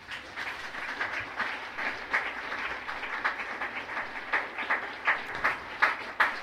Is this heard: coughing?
no